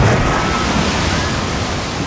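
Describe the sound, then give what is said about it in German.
A loud, steady rush of water pours continuously for a couple of seconds, a water slide sound effect played on the Radio Z morning show, a dense gushing flow with no pauses or voices. “Wir rutschen gemeinsam die Wasserrutsche runter. Sobald ihr in dieser Stunde dieses Geräusch hört.”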